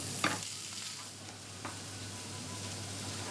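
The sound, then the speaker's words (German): Pointed cabbage, braised whole in the oven and charred on the outside, is seared again in a pan for roast aroma: a steady, hissing sizzle, broken by a couple of brief clicks or scrapes as it is stirred. No one speaks. “Jetzt wird er fürs Röstaroma noch mal ein bisschen angebraten.”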